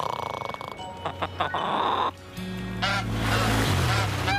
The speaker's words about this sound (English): What was that? They're swans! Real swans! Ryder, we have swans! Stay put, Sky. We don't want to scare the swans.